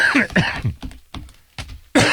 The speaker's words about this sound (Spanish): Oye, esa tos no se te quita, va a tener que hacer un exorcismo o algo así.